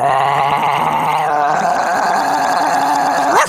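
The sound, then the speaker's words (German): A person imitates a big dog's growl: a loud, continuous, rough rumbling that shifts in pitch midway and ends with a brief rising snarl, with no talking. “Der Hund wird immer größer.”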